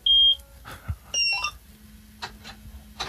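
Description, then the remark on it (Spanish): A combine harvester being started by turning its key, like a car's: a few high electronic beeps and chirps, then a low, steady engine drone settles in with faint clatter over it. “Bueno, no sé si encender, tiene un botón de encendido la cosechadora, no sé cómo...”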